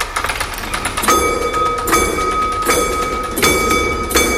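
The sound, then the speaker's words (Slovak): A mechanical railway crossing barrier in a railway exhibition comes down with a repeating metallic clank roughly every second, each strike leaving a bright ringing tone over a steady low rumble. Fairly loud, with no voices. “Kým padne závora, tak my sa presunieme do ďalšej časti vašej expozície.”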